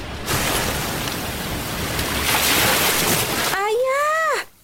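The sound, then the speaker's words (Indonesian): A steady rush of surf and water washes around a boat nearing shore as it returns to Banggai, for several seconds, then breaks off into a brief, wavering tonal cry before fading out. “Perahu yang ditumpangi Tanduk Alam dan Tuan Putri sudah hampir mendekati daratan.”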